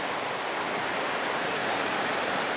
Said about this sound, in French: à la fois il y a ce côté puissant, puissant, vivant. Et là, ça le démontre bien. Ces cascades, cette force. Cette force qui anime.